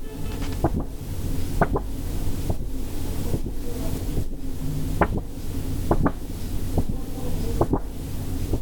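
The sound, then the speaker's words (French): A sheet of paper handled gently from top to bottom, very lightly, giving a steady soft rustle broken by crisp little crackles that recur roughly once a second, with no voices. “Je te laisse prendre le papier dans tes mains et nous décrire le geste pour le manipuler.”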